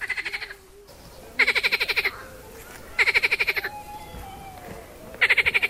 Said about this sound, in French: Ah ben voilà, je suis dans le parc Roi Baudouin et vous entendez derrière moi le doux chant d'une grenouille. Ben oui, ces grenouilles sont les hôtes de ce Molenbeek qui est à ciel ouvert.